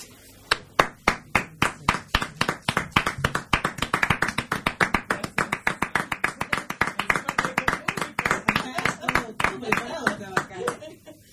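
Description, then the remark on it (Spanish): Audience applause in a steady, rhythmic beat, many sharp claps landing together several times per second, loud and sustained for around eleven seconds before tapering off. “¿Viste que contratan los aplaudidores?”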